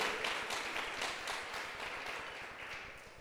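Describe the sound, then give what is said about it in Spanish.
A church audience applauds the word of the Lord during a sermon, a dense, steady wash of many hands clapping at once that stays fairly even and slowly tapers across a few seconds, with no voices rising above it. “Démosle un aplauso a la palabra del Señor.”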